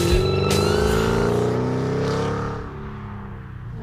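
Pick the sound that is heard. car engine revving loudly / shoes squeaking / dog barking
car engine revving loudly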